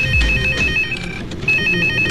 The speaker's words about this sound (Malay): Lah, telefon dah pula.